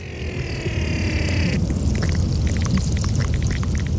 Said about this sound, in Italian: Perché ci sono suoni che sono nascosti nel ghiaccio, che si possono ascoltare con idrofoni, che sono microfoni acquatiche.